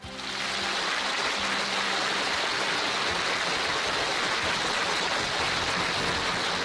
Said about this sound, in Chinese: 再次掌声有请。